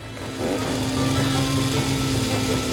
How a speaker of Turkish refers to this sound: Buraya getirebildiğimiz aletler sınırlıydı. Biliyorum motorlu testere ince işler için uygun değil ama elimizdeki tek şey bu. Biraz ilkel oluyor ama.